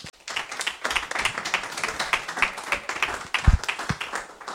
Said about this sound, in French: On peut les applaudir hein, quand même.